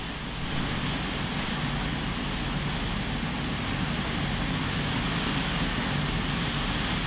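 Heavy rain drums steadily on a roof in Santa Rosa de Lima, a dense, unbroken hiss of countless drops with a low rumbling undertone, loud and constant throughout with no voices.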